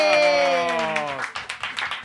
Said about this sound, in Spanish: Vale. Un aplauso